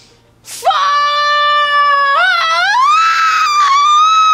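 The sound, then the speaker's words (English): A single loud, sustained scream rises sharply and holds for several seconds with a wavering, strained pitch that bends and climbs near the end, uninterrupted. “What did you scream?”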